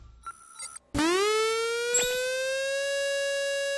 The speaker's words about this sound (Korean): 이 소리는 화재경보기가 아니라 민방공경보입니다. 민방공경보요? 그게 뭔데요? 민방공경보란 적의 항공기나 미사일 등에 의한 공격이 예상되거나 공격 중일 때 그 사실을 국민들에게 신속히 전파하기 위한 것입니다.